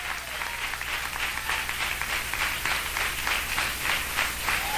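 An audience at an evangelical Christian gathering claps in praise to God. Dense overlapping handclaps form a continuous, sustained wash of applause with a loose rhythmic pulse, moderately loud and without speech.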